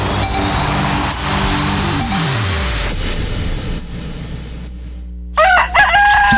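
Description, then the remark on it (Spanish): A vehicle engine revs and winds down in the background, then a rooster lets out one loud crow near the end, opening the radio program Buenos días, compadre on Voz de Lujano. No one speaks. “Cuando el gallo canta y la selva despierta con esperanza, Voz de Lujano presenta Buenos días, compadre.”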